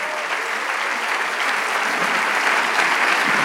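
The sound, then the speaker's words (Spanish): An audience applauds the Lord, the 'King of Kings', during a sermon, steadily for several seconds: a dense, even wash of clapping that holds at a fairly loud level throughout, with no voices standing out above it. “Le damos el aplauso al Rey de Reyes.”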